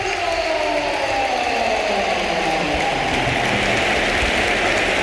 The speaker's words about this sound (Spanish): Y vamos a escuchar una gran ovación, ¿eh? Sí, porque se va a producir el último cambio. Las filas del Real Madrid solo ha hecho tres Mourinho, pero agota las ventanas. Se marcha Bellingham, el Bernabéu de pie.